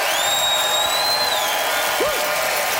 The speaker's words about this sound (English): All right, audience, it's that magical time when you vote and decide who won this thing. So by applause